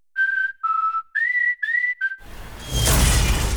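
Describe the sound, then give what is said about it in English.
Five short, clear whistle notes sound in quick succession as a space capsule falls, then give way to a loud, rumbling crash as it smashes a roof and a carport, roaring on as noisy, shattering debris until the end. “Smashed roof. Shattered carport. Nothing like a rogue space capsule to bring you back down to Earth”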